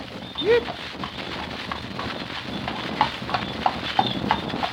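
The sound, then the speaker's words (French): Steady clip-clop of horse hooves on a hard surface on a very hot day, a regular rhythm of sharp knocks, with a brief high vocal sound near the start and a busy background hum. “Le pauvre cheval doit être bien fatigué.”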